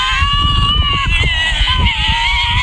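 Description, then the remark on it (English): A Tasmanian devil lets out a loud, harsh, continuous screech, its tone wavering slightly up and down over a low, rough growling rumble for nearly three seconds. “Oh, the devil. Yeah, Tasmanian devil, correct.”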